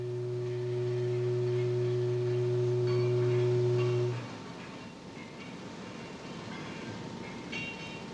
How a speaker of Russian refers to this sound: Продолжительный заводской гудок возвестил о начале обеденного перерыва.